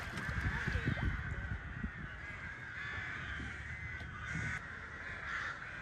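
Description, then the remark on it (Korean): A large flock of crows at an agricultural reservoir cawing continuously and overlapping in a noisy chorus, with constant harsh calls filling the open air and a few louder caws standing out. “Здесь вороны, цапли, бакланы.”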